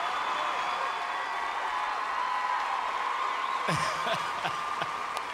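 A crowd applauding steadily, a dense continuous wash of clapping that holds at an even level throughout, with a few brief cheers or voices rising out of it near the end.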